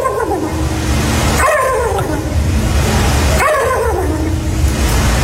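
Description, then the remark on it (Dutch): Two loud, warbling turkey gobbles imitated by human voices at a turkey-imitation contest, contestants standing on a stage with start numbers on their shirts; each a quick rattling burst that tumbles downward in pitch, separated by a short pause over a steady background murmur. “ik zag nu weer een filmpje op Instagram van een wedstrijd waarbij mensen het geluid van een kalkoen na moeten doen.”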